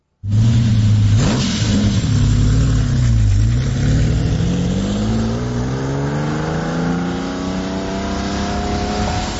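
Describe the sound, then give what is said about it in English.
A loud Lamborghini Countach engine revs hard, its pitch dipping and then climbing steadily in a long rising sweep as it accelerates, continuous with no talking. “We got a clip, Shane, if you want to hear what the Countach sounds like.”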